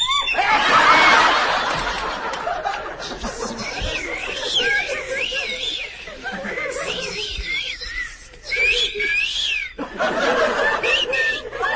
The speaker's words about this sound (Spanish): El viento silba.